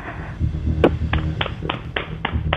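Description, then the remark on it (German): About six sharp hand claps in a bathroom, one sharper clap, then a steady, fairly even rhythm of crisp slaps over a low background hum. “Und das beweist du uns einmal bitte, indem du ins Badezimmer gehst und dort in die Hände klatscht.”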